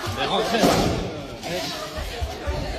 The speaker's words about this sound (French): Ouais, il y a cette vidéo qui tourne sur les réseaux sociaux où on voit le chef d'établissement du lycée Blaise Pascal à Rouen visé par un tir de mortier à l'entrée du bâtiment.